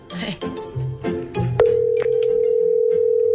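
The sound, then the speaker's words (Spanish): After a moment of muffled voices and handling noise, a steady telephone ringing tone for an outgoing call starts and hums on loudly and unbroken until the end. “Tenemos el teléfono de este vato que se llama Noé.”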